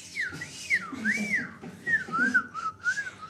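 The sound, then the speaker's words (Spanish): A person whistles a wavering, sing-song tune, the pitch gliding up and down in smooth loops for a few seconds, with a low murmur of background noise underneath. “Y silbaba mientras hacía”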